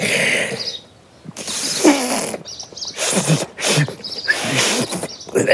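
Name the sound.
failed attempt at whistling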